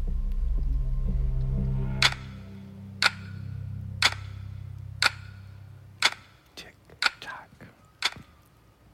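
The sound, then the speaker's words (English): A clock ticks sharply about once per second over a low, rumbling drone that fades away partway through, after which the ticks continue alone and grow slightly uneven. “I put that clock sound effect like in there it.”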